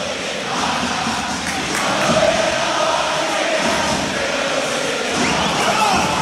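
A large crowd of Racing football fans sings a chant together in a stadium, cheering their team on against Belgrano, a dense, steady roar of many voices holding a tune at constant loudness for several seconds.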